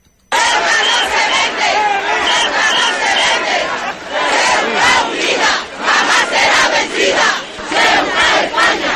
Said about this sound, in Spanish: Escuchaban los gritos que se vitoreaba en esa plaza hace escasamente 12 horas. Miles de ceutíes se lanzaban a las calles para gritar además con fuerza